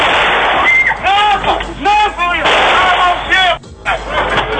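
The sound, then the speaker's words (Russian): Rapid gunfire from soldiers crackles through a dense wall of noise at a celebration disco in a local cafe, while people shout and yell over it as visitors are beaten, loud and chaotic, with a brief cutout near the end. “Стрельбой и избиением посетителей празднование завершают бойцы бригады «Медведи».”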